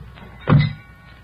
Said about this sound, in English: Okay, heave it in. Slam the doors.